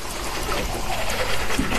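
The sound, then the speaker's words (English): Water runs steadily from a faucet in a Colgate commercial as a man brushes his teeth and cleans fruit, splashing and filling a bowl with a continuous, fairly loud trickling rush that holds even throughout. “And filling a bowl.”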